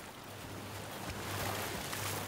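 Ocean waves wash steadily onto a city beach, a continuous surf roar that swells slightly midway, with a faint low rumble underneath and no voices.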